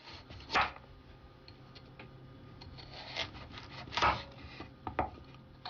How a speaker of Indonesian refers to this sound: Sekarang, setiap potongan wortelnya diiris memanjang menjadi irisan tipis panjang dengan ketebalan sekitar 3 mm.